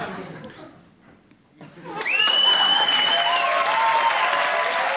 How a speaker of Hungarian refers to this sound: Ha tetszik, akkor nagy tapsot szeretnék kérni, mert úgy jó levonulni.